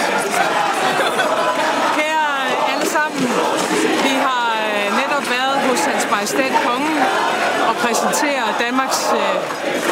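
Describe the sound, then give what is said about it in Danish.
Loud cheering from a crowd of Social Democratic Youth (Socialdemokratisk Ungdom) at Amalienborg Palace Square as the new Danish government led by Mette Frederiksen is presented, a sustained wash of excited shouts and whoops with rising, overlapping voices throughout the whole clip. “Der var store smil og masser af kram på Amalienborg Slotsplads for en god times tid siden, da den nye regering blev præsenteret med Mette Frederiksen i front og højlydt jubel fra Socialdemokratisk Ungdom i baggrunden.”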